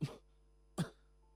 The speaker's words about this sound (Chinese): 说着又咳嗽。